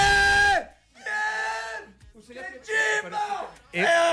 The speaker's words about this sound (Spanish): Grite, grite, grite. Está emocionado, grite.